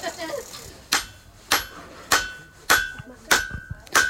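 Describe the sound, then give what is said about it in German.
Six sharp metallic hammer blows ring out at a steady pace as hot metal is hammered while forging, each strike leaving a brief bright clang, with faint voices in the background. “schlägt jetzt auf dem Hammer, auch so mit anderen. Und das wird jetzt halt verdrückt und ja.”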